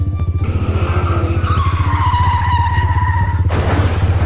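A car racing through a red traffic light, its engine roaring loudly with a steady low rumble while tires screech in a long, wavering squeal that cuts off abruptly near the end, leaving the engine noise continuing.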